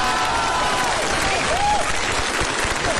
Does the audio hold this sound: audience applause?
yes